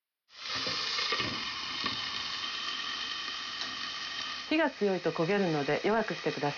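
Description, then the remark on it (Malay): Carrot sticks are stir-fried in hot oil in a frying pan until they turn slightly translucent, a steady, bright crackling hiss that holds throughout. A person starts to speak over it in the last couple of seconds. “Pastikan batangan wortel terlapisi minyak secara merata dan tumis sampai warnanya berubah menjadi agak transparan.”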